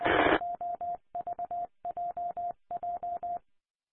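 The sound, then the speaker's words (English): A short burst of static gives way to telephone keypad dialing tones as a phone call is made: rapid, evenly spaced beeps in four quick clusters of about four each, clear and fairly loud with no voices. “Well, yeah, I'm going to make another phone call.”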